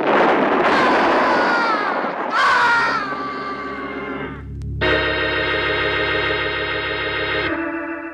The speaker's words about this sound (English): The mortar shell landed between me and the stack just as I was about two steps away from it. I went flying through the air